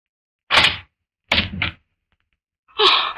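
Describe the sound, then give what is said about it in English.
A door is unlocked and opened: a sharp clunk, then a quick double clack of the latch, and after a short pause a last louder thump as it swings. No one speaks. “Darling, please unlock this door.”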